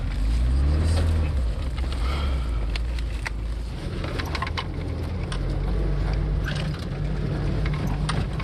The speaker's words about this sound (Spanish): ¿Qué haríamos sin las furgonetas UAZ? Este auto aguanta casi cualquier cosa, siempre que no sea un impacto directo